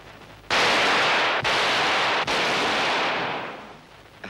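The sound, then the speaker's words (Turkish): Loud, sustained crackling roar of gunfire broken into about three long bursts by short pauses, fading out toward the end. No one speaks. “Sabit bir hedef teşkil edersen ikinci, üçüncü atışlarda seni daha kolay vurabilir.”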